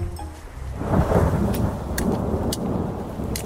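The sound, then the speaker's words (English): Steady, cold rain pours down outdoors near a camp with a broad, continuous hiss, while a low rumble of thunder swells underneath and scattered drops tap sharply on a surface. No one speaks. “The rain doesn't help, but I'm almost back to the camp.”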